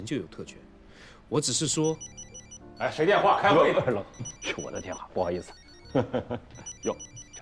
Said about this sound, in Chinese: 哎，谁电话？开会。 是我的电话，不好意思。 哟，这个电话接一下啊。